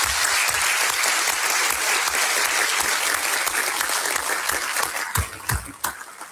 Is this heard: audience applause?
yes